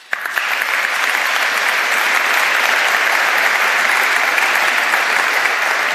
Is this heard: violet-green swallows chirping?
no